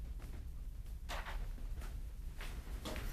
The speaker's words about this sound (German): Mach die Tür zu.